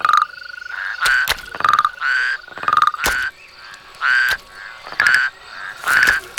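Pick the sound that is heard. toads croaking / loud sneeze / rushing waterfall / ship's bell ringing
toads croaking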